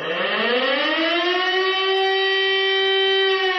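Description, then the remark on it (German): A civil defense warning siren in Germany, sounded during a nationwide test alarm on warning day, winds up from a low pitch to a loud, steady wail and holds that tone for several seconds, with no voices over it. “Das heißt, euer Handy kann entsprechend vibrieren oder auch klingeln oder auch die ein oder andere Sirene bei euch um die Ecke könnte mal losgehen.”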